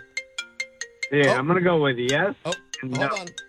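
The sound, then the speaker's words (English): A cell phone rings with a quick run of bright chiming notes, followed by a louder, warbling melodic phrase and a few more tones, fairly loud. “That's my other cell phone.”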